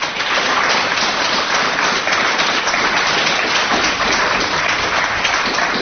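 A large crowd at a radio anniversary concert applauds the performing artists steadily, a dense, loud wash of many hands clapping at once that holds evenly for several seconds with no voices standing out.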